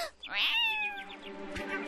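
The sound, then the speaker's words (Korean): A wild cat lets out a loud, drawn-out meow that rises and then slides down in pitch, with a shorter, rougher trailing cry right after. “근처에 야생 고양이가 있잖아.”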